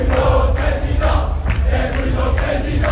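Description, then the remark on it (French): A loud crowd of young supporters of Retailleau (Les jeunes avec Retailleau) at the Parc Floral chants, in unison, the "Ousmane Ballon d'Or" chant with modified lyrics. Their voices blend into a steady, rhythmic roar with regular stressed beats about twice per second. “Oui, ils ont modifié les paroles de Ousmane Ballon d'Or, parce que les jeunes avec Retailleau, ce sont des fifous.”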